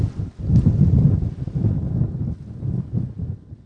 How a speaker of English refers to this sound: Oh, man. Big wind.